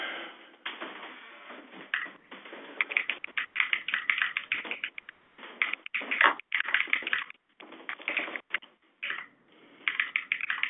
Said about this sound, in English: Ah, so we're going to have a night of keyboard clacking.